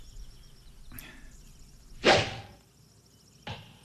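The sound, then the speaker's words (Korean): A sharp arrow release snaps out from a bow, followed by a quick whoosh and a fainter swish a moment later, with no talking. “자, 화살이나 또 쏴봐.”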